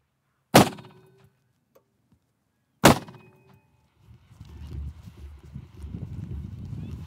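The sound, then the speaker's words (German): Two loud, sharp bangs from a gas cannon bird scarer fired to drive away ravens, a couple of seconds apart, each trailing off in a short ringing decay, followed by a steady low rumbling noise. “Mit einem Gasschussapparat will er die Vögel vertreiben.”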